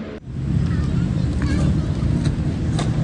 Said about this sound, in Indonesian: Deru mobil dan sepeda motor di Jalan Jenderal Ahmad Yani tak mengalihkan perhatian para pemuda di Taman Link In Park, Rawasari, Jakarta Pusat.